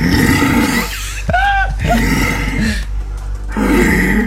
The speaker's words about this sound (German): gar kein Bär, sondern ein Hirsch in der Brumpfzeit. Das haben die Polizisten übrigens direkt durchs Telefon gehört.